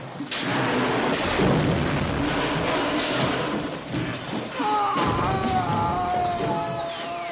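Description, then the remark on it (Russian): A bridge collapsing as a man falls from it with a cry: a sustained, loud rumbling crash with heavy thuds and debris noise, and a high wavering wail emerging over the roar in the final seconds. “Рухнул мост, и Мартин с криком полетел вниз.”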